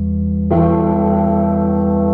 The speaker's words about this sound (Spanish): Esto lo grabaron, la campana esta, la grabaron en alguna iglesia, no sé cuántas veces. Escuchá.